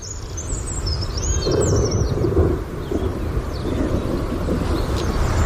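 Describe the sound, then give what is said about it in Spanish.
A red-backed shrike calls with scratchy, chattering notes over the steady low rumble and rush of a thunderstorm, the bird loudest in the first couple of seconds. “vamos a por otra especie que creemos también que te cautiva, porque lo has comentado en alguna ocasión, el alcaudón dorsirrojo. En este caso aparece en las páginas de mayo y le vamos a escuchar.”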